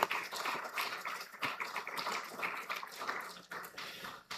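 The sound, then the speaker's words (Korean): A church audience claps toward one another in a blessing applause for the church's birthday: a dense, steady burst lasting several seconds, the many overlapping hand claps forming a bright, crackling wash with no voices standing out. “우리 교회 이 땅에 세워져서 지금까지 놀라운 일들을 이루어온 우리 교회 생일 축하, 예, 축복의 박수 한번 치겠습니다.”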